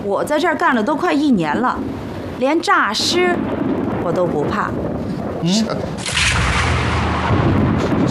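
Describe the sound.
Voices call out in short bursts, then a very loud thunderclap breaks in and rolls on as a deep, broad rumble through the final couple of seconds.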